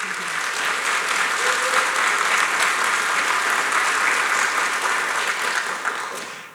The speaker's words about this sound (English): It always tells me something when people, they need to clap and celebrate somebody before I've finished describing who they are. It tells me that people here already know you and already love you.